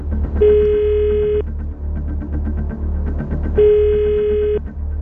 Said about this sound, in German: Und wie versprochen telefoniert Anita weiter. Und ich verrate jetzt mal Folgendes. Dieser Anruf geht nach Wien.